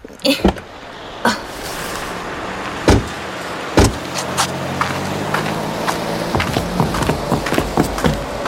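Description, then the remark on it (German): People climb out of a car just parked in front of a music shop: several sharp door clunks and thuds, rustling and shuffling movement, over a steady low rumble, with no talking. “So, lass uns mal aussteigen.”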